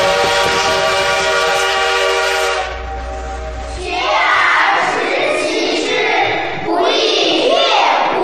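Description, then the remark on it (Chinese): A steam locomotive on the Hangzhou to Jiaxing railway, on its opening day, lets out a loud, sustained whistle for a couple of seconds, then a heavy roar of hissing steam and rumbling, clattering train noise takes over. “此刻不知蒸汽机车的轰鸣给这个男孩带来了多大的震撼。”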